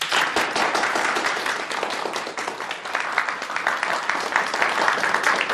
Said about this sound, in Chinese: 让我们以热烈的掌声欢迎马国良马总经理讲话。